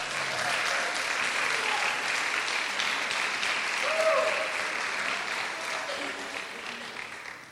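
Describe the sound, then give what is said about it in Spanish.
An audience applauds steadily for several seconds, a dense wash of clapping at an even loudness, with a few faint voices and a brief raised cheer mixed in. “¿Puede darle un aplauso?”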